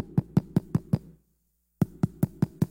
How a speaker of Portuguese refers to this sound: Aí os quatro mendigos vai lá e bate na porta trancada.